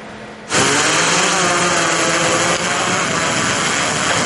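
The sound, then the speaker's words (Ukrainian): A loud, steady motorized whine from a border guards' drone with a day camera taking off to patrol the border in Vinnytsia region, Ukraine, starts abruptly after half a second and holds a constant high buzzing pitch with faint tonal bands, like small propellers spinning up. No one speaks. “За лічені секунди дрон із денною камерою вже у небі.”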